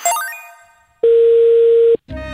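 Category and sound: signal or alarm, telephone busy tone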